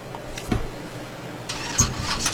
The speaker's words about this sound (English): Fire up the car, would you please?